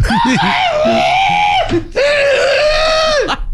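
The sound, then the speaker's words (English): A person imitates a rooster crow with two loud, strained vocal calls, each held high and wavering before dropping off, with a brief gap between them. “I wouldn't be a great rooster.”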